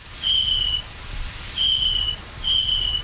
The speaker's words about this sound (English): So in adult snapping turtles, we detected four different distinct call types. The first call is a kind of chirping sound. It almost sounds like a cricket.